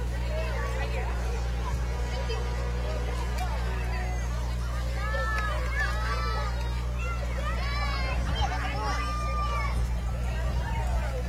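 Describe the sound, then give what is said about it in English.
A steady wash of overlapping crowd chatter at a Norfolk Buddy Baseball event, with kids filling candy bags: many voices talking at once with occasional higher-pitched calls and squeals rising above the babble, over a constant low hum. “You see the crowds, those candy bags filling up.”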